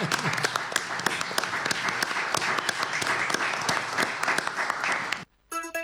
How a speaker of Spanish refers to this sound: Bien, ¿quién aplaude a quién? Nosotros. A ver.